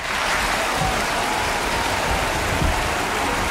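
Loud, sustained applause from a large theatre audience as the curtain falls at the end of a play, a dense steady wash of clapping with no pauses or voices standing out.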